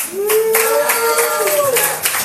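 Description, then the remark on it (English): Sparse, weak clapping from a small group, with a thin, drawn-out cheer rising above the scattered claps for a couple of seconds before fading. “Okay, is that not like the saddest little cheering you've ever heard?”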